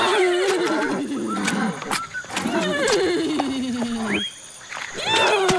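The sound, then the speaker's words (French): A pregnant female Eurohippus neighs repeatedly, calling the father of her foal, in long, wavering whinnies that slide down in pitch, loud, with short breaks between calls and a final rising whinny at the end. “Ces hennissements sont aussi pour votre bébé?”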